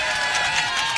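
A crowd applauding, a dense, steady wash of many hands clapping at once, fairly loud, with no pauses and no voices.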